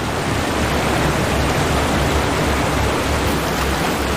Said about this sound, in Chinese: 可是冰雪融水的汇入导致河流水量大增，水流湍急，绝望的寒角驼鹿拼命想游到对岸，但很快被河水吞没。